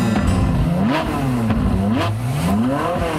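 A sports car engine revs hard and accelerates, its pitch climbing in repeated rising sweeps as it shifts through gears, loud throughout with no voices, as the car speeds through Paris at full speed.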